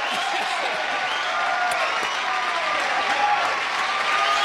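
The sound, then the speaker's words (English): A crowd applauds steadily as special guest Rodney Dangerfield comes out, a dense wash of clapping with scattered cheers and whoops rising above it, holding at a constant loud level throughout. “Oh, the crowd loves him.”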